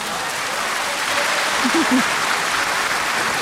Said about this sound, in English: All of you that have been listening from the start to this moment, take this round of applause.